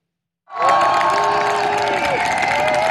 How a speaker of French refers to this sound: Arrivée sous les applaudissements, grand sourire, poings levés et les pieds sur terre, même si elle a encore du mal à tenir debout, Sophie Adnaud n'a rien perdu de son énergie.